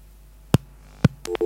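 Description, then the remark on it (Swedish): Two sharp clicks on a telephone line as a caller hangs up, about half a second apart, followed by short electronic tones beeping back-to-back near the end, with no one talking. “Var det någon som ringde och la på?”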